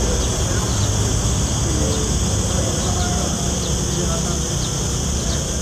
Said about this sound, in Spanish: El sonido de las chicharras